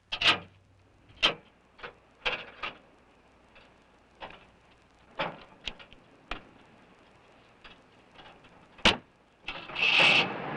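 A car engine starting: a series of sharp, irregular clicks and ticks, then a short burst of hissing, rising engine noise at the end. No one speaks.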